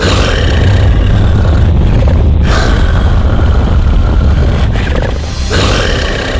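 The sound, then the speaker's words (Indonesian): A loud, deep, rumbling roar heard at the top of a mountain fills the whole stretch without pause, heavy in the low end, with no voices alongside it. “Ketika sampai di puncak gunung, ia mendengar suara gemuruh dan raungan keras yang sangat menakutkan.”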